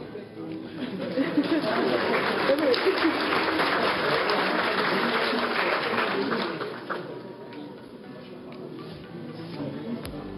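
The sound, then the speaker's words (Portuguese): An audience claps steadily in a dense, sustained wash of applause that tapers off slightly toward the end, with faint voices murmuring underneath. “Aplausos.”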